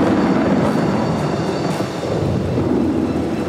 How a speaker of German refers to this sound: Dann durchstößt die Luft die sogenannte Schallmauer. Und das können wir hören. Es gibt einen lauten Knall. Es donnert.